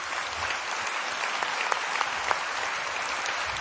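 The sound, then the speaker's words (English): Steady applause from an audience after a rendition of Guru Vandana, a dense wash of many hands clapping at an even level for several seconds, with a few sharper claps standing out and no voices. “Every facet, I think we should give him a loud round of applause.”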